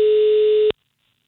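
A single steady telephone ringback tone, the sound a caller hears while the other line rings, from a call placed on a Friday by a caller from the Finnish operators' association. It sounds clearly and loudly for under a second, then cuts off into silence.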